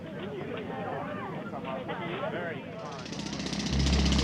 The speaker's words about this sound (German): Seit etwa 1 Uhr heute Nacht rattern die Pressluftbohrer und bohren einen Graben quer durch die Ebertstraße hier am Brandenburger Tor.